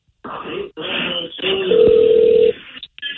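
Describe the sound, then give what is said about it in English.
A phone line rings on a call: one steady, buzzy ringback tone lasting about a second, heard through tinny telephone audio with muffled rustling and murmuring around it. “It's ringing.”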